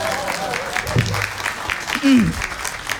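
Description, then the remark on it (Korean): An audience claps steadily for a few seconds, a dense patter of many hands, while a man's voice briefly calls out over the applause. “이럴 때 박수 쳐도 됩니다.”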